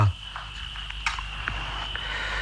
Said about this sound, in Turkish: Dinle bak, cırcır böcekleri.